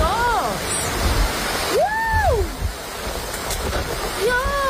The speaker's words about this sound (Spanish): un leve respiro tras una jornada, la de este jueves, de muchísimo calor, con una alerta roja que dejó bastantes incidencias porque también vino acompañada de lluvia y de tormentas eléctricas. Escuchen.